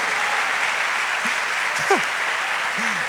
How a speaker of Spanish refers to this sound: Ay, denle un aplauso al Señor, estamos soñando.